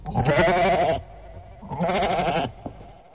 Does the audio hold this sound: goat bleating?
yes